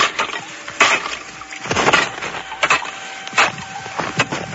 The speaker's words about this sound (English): Today, I smashed through a curtain of ice at the rear of the cave. My axe revealed a narrow entrance to a still larger cave.